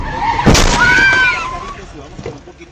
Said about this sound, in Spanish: Mire usted, de una, o sea, se estrellaron, quebraron el vidrio del carro y se levantaron como si nada.